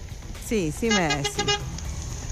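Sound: car horn honking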